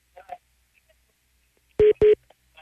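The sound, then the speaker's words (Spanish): Two loud, quick electronic telephone tones beep back to back as a call is dialed, following a faint, brief murmur of voices and near silence. “Mira, inclusive, espera, me está marcando si quieres junto a la llamada.”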